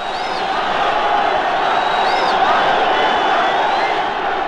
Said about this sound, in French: Je me trouve au milieu d'une foule de moins de 20 ans dont vous entendez les cris et les trépignements.